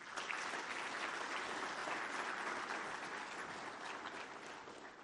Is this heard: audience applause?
yes